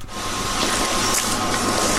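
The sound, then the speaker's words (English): A mop works across a floor in one steady, unbroken wet swish lasting two seconds, a loud broad hiss over a faint low hum, with no voices. “That is a mop being. It says here mop being used.”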